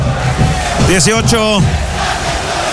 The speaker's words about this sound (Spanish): Grita la gente, canta, apoya a Curicó en este partido muy difícil.